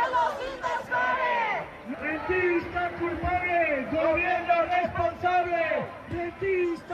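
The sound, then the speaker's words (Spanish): A protest crowd for the right to decent housing, marching from Plaza de la Encarnación to the Palacio de San Telmo, shouts and chants over continuous loud babble, many voices rising in rhythmic, pitched cries such as "¡Los invasores! ¡Son los invasores!" that swell and fall repeatedly throughout. “Estos son algunos de los gritos que se están escuchando.”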